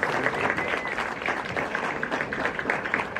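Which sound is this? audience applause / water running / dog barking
audience applause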